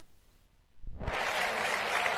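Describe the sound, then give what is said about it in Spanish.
After a brief near-silent pause, a crowd bursts into loud, sustained applause as the councillor for festivities presents a bouquet of flowers. The dense clapping fills the rest of the moment without any voices over it. “Qué bonito. Un aplauso para...”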